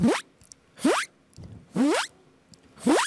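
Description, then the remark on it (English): A voice imitates a zipper closing, making four quick rising zips in a steady rhythm, each sweeping upward in pitch with a breathy hiss. “So I'll try the zipper sound. Oh. Which sounds like when you close the zipper.”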